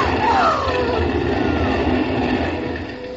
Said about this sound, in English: Oh, and here comes the fire engine.